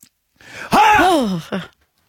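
A single drawn-out, voiced yawn, close and fairly loud, rising then sliding down in pitch, ending with a short breathy exhale; no speech around it.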